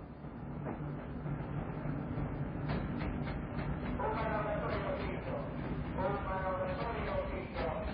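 A freight train rumbles steadily and loudly along the rails, with repeated clacking and rattling over a heavy low drone and occasional squealing metal tones.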